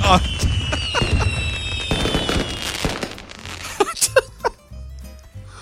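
Fireworks go off: shrill whistling streaks rise over a dense crackle, followed by a few sharp, separate bangs and pops as the barrage thins out.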